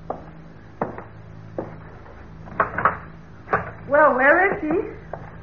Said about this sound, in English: Aren't you going to open the door? Yeah.